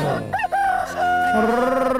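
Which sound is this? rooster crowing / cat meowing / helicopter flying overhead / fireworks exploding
rooster crowing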